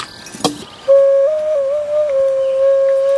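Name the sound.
ocarina being played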